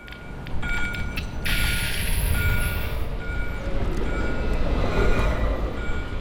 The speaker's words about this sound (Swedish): Att fånga Göteborg i ljud är inte särskilt svårt. De blåvita spårvagnarna som skramlar och kränger i spåren,